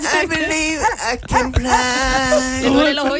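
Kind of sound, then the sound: animal, dog barking and whimpering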